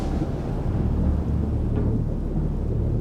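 Deep, continuous rumbling thunder of a supercell, a large, long-lasting thunderstorm rotating around its center, rolls through a steady wash of heavy rain, loud throughout the few seconds, with no voices present.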